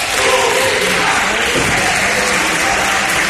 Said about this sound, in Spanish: El presidente de la Asamblea de Madrid, Enrique Osorio, ha expulsado a varios profesores de la tribuna de invitados durante el pleno de esta tarde por gritar cánticos en favor de la pública.